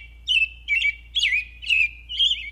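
An American robin calls five times in a steady series, each note a bright, high, slurred chirp, with a faint low hum underneath and no talking.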